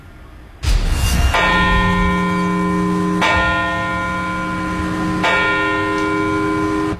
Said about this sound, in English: And in Baltimore County, leaders gathered in Parkville to commemorate the lives lost 25 years ago, bells tolled at the exact times the two planes hit the Twin Towers.